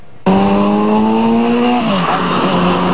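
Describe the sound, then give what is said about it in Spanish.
A loud engine suddenly roars to life and accelerates with a steadily rising whine, then the pitch drops as it shifts and keeps droning on, in street traffic of mainly cars, motorcycles and public transport vehicles on Avenida George Washington in Santo Domingo on a Friday afternoon. “Una circulación compuesta principalmente por automóviles, motocicletas y vehículos del transporte público fue lo que se encontró durante un recorrido realizado la tarde de este viernes por la avenida George Washington.”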